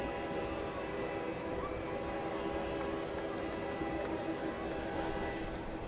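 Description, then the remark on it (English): A train rumbles past on tracks just beyond the first base side of a ballpark during a baseball game, a dense low roar with metallic rattling that holds constant throughout, loud, with no voices over it. “You will hear trains going by the ballpark quite often throughout the course of tonight and throughout this week.”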